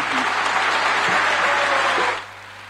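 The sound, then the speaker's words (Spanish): A crowd claps loudly and steadily in a dense wash of applause for a music group's performance, which fades sharply near the end, leaving a faint hum. “Fuerte el aplauso”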